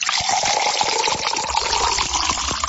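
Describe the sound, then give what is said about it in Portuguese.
Water is poured steadily into a glass, a continuous splashing gurgle that holds at an even loudness for a few seconds, with no voices. “Aê, aniversariantes, Deus te abençoe, nosso abraço em nome do Senhor e aquela aguinha da boa para você agora, hein?”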